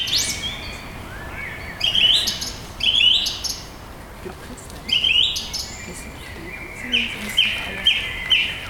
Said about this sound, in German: Erinnert es irgendwen an die Amsel? Mhm. Genau, es ist nämlich eine Drossel. Ich finde auch von der Stimme her klingt das erstmal sehr ähnlich wie eine Amsel.